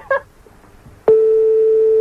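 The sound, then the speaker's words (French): A telephone number is dialed: a short electronic keypad beep, a quiet pause, then a steady sustained telephone tone that holds loud and unbroken as the line rings out. “Alors on y va, on compose le numéro de téléphone.”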